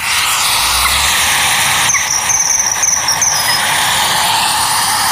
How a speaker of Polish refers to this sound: No, czy my już tego zimorodka możemy zaprezentować? Tak, teraz się skupmy, bo uwaga, nadlatuje zimorodek.